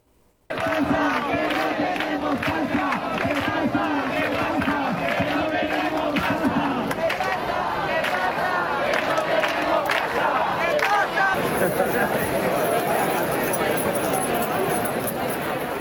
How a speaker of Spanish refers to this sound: Inevitablemente, el sonido de las llaves y de las reivindicaciones de los manifestantes ayer en las calles de Murcia en la lucha por la vivienda.